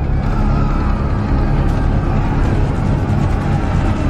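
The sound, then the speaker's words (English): A German Tiger tank's heavy engine rumbles steadily and loudly as it advances behind German soldiers. A dense low growl with grinding, clanking mechanical texture holds constant for a few seconds, with no voices. “And behind them, a Tiger tank.”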